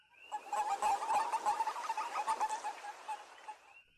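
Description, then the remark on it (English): A chorus of western toads giving rapid, overlapping high chirps, like peeping chicks, in a steady busy stream for about four seconds with no talking. “More specifically, a western toad, and they sound a little more like this, actually.”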